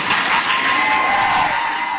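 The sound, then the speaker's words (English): A crowd at a school board meeting applauds steadily after the superintendent recommends no school closures or mergers, with cheers and whoops rising over the dense, sustained clapping throughout the two seconds; no one speaks. “You can hear from the cheering there that people at the meeting were very excited to hear that.”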